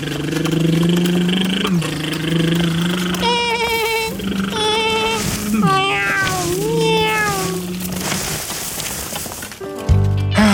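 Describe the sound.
A child's voice imitates a racing car engine, making several rising and falling revving glides in a row, loud and buzzy, with a sharper burst at the end.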